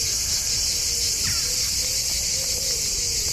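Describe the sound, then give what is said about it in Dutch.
Singing cicadas in southern France fill the air with a loud, steady, high-pitched buzzing drone that never lets up, a continuous shimmering chorus with no voices. “Zuid-Franse geluiden, ja, hier horen we de cicades, de zangcicades.”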